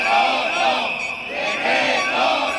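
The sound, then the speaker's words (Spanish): A crowd of protesters from various groups chants outside the doors of the parliament chamber during a government control session, loud rhythmic unison, their massed voices rising and falling in repeated phrases with a steady, continuous roar and no single speaker standing out. “porque fuera, a las puertas de la Cámara, la imagen ha sido muy distinta y hemos visto diferentes colectivos que han aprovechado la sesión de control para exponer sus demandas y reivindicaciones al Consejo.”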